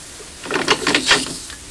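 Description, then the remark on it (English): A kitchen door being opened, with a quick cluster of mechanical clicks and rattles from the latch and handle lasting about a second, heard on its own without any voices. “She heard a gentle tap on the kitchen door and quietly went to answer.”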